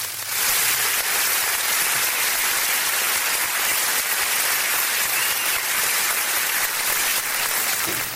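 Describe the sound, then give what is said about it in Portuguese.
On a Campus FM radio program, a crowd of children gives a birthday round of applause, dense overlapping clapping that holds steady and loud for about eight seconds, with no voices over it. “Vamos dar uma salva de palmas pra ela?”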